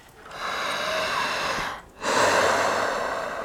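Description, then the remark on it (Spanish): Two deep, forceful breaths through the mouth by a woman doing a breathing exercise, a long inhale-like rush followed after a brief pause by a stronger, noisy exhale, loud with no talking. “Pues respiración profunda por la boca. Profunda, eso es todo.”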